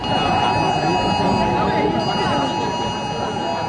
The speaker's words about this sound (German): Ja, die Handys, die piepten hier tatsächlich auf maximaler Lautstärke. Und zwar egal, ob jemand das Handy vorher auf leise oder lautlos gestellt hatte oder auch nicht.